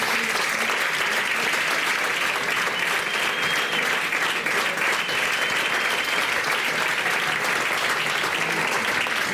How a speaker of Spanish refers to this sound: Les damos un aplauso a ambos.